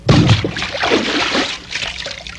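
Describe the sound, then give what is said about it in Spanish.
A heavy, loud splash as someone who has taken off his clothes jumps headfirst into a river, followed by a couple of seconds of churning, sloshing water that gradually settles. No voices are heard. “Pronto, pronto, quítate tu ropa y arrójate de cabeza al río.”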